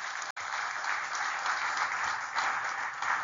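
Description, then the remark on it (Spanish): An audience claps together for the pastor from Haiti and his wife in a dense, steady burst of applause that holds at an even level for a few seconds, with no voices speaking over it. “Démosle un aplauso con su esposa.”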